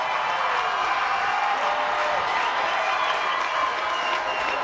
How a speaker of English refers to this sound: Quick hush from the crowd, and then they pick back up. Clapping along all night long. The chants, the cheers, the excitement. Everything you want, it's right here in Daybreak.